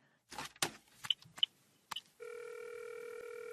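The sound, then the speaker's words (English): A telephone handset clatters and a few sharp dialing clicks sound, then a steady, continuous electronic line tone hums on until the end, as a woman phones someone. No one speaks. “I'll call her.”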